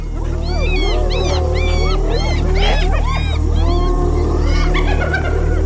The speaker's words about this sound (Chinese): 这不是挑衅狮子的叫声，而是斑鬣狗在召唤族群里的其他成员。